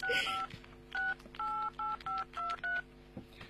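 A phone number is dialed on a push-button keypad to call a police detective: a quick run of about seven or eight dual-tone beeps, evenly paced and clear, with a brief rustle at the start and no voices.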